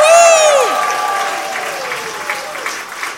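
An audience bursts into applause and cheering, opening with a loud whoop that slides downward, then sustained dense clapping with scattered shouts that eases slightly over a few seconds.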